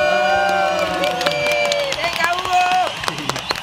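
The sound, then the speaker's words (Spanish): A crowd claps and cheers loudly to welcome a guest biologist, with sharp scattered claps, whoops and raised voices blending into a dense, steady roar that lasts several seconds. “¡Un aplauso para”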